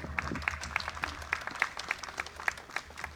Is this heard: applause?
yes